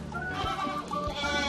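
Several goats bleat in a wavering chorus, their calls overlapping and sustained across the whole moment, moderately loud with no talking.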